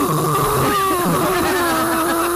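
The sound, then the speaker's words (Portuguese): A voice imitates loud snoring, a continuous rough, buzzing drone held for a couple of seconds, wavering in pitch with no other talk. “Ronca é um negócio perigoso.”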